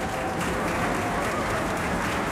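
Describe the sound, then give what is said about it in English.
A large opera audience at the Santa Fe Opera's Crosby stage applauds the Santa Fe Opera Orchestra as conductor John Fiore takes the podium before the conclusion of Puccini's Madama Butterfly: a dense, even wash of many hands clapping at once, loud and sustained throughout with no pauses or voices. “And the audience applauds the Santa Fe Opera Orchestra.”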